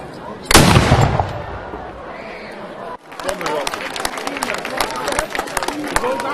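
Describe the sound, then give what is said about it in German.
A single loud cannon blast from a ceremonial gun salute, fired by the Mansfeld pioneer battalion before an official key handover, booms out and rumbles away for a couple of seconds, followed by crowd noise with scattered clapping and voices. “Doch zuvor schoss das Mansfelder Pionierbataillon Salut.”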